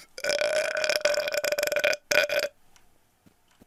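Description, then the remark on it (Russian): A long, loud, drawn-out burp rumbling with a strong tonal buzz for about two seconds, broken by a brief gap before a short final burst, then quiet. “А, ну тогда на мою отрыжку.”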